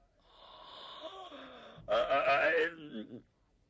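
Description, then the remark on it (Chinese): A man's voice acts out a long, drawn-out yawn for Zhang Xiluan: a breathy, rising inhale that swells into a loud, open-mouthed groan before trailing off, with no other talk. “张锡鸾打了个哈欠，张作霖不往下谈了，一看老头恐怕有点累了”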